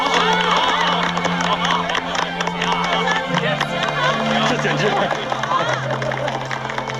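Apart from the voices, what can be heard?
audience applauding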